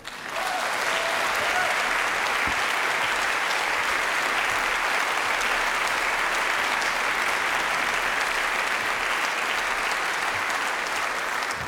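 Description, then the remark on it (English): A large audience at a band's concert claps steadily and loudly for about twelve seconds as the band's guitar player is invited on stage, a dense, continuous wash of hands with no pauses or speech over it. “Big applause.”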